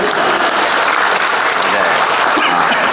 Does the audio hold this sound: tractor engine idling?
no